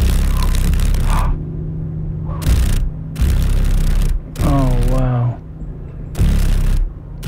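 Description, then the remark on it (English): A low, steady buzzing drone of a female paddle-tailed darner dragonfly's rapidly vibrating wings, in Alaska, broken by repeated bursts of loud crackling rustle and a brief higher, warbling tonal sound. “This is a female paddle-tailed darner, and it's one of seven mosaic darners that are found in Alaska. Can you hear the vibration?”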